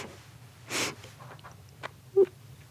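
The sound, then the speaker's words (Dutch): A person imitates the affectionate sniffs a mother gave instead of kisses: one strong breathy inhale through the nose, followed by a few softer, brief nasal sniffs and a small squeak, with no talking. “Mijn mama gaf geen kusjes, die gaf snufjes. Ja. Die snufte zo.”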